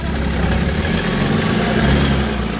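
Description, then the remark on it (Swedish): An EPA tractor engine idles with a steady, throaty low rumble and a rough mechanical chatter, holding an even loudness throughout with no voices. “sen ungdomarna då, som får mycket själv för sina EPA-traktorer”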